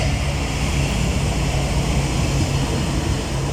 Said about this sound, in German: Ah, Achtung, es kommt ein Zug.